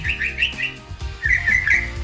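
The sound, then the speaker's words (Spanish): A person whistles a quick, chirpy birdlike phrase in two short bursts, imitating birdsong, with a low hum of room noise underneath. “Bueno, no sé por qué estamos tratando de ilusionar el sonido de los pájaros.”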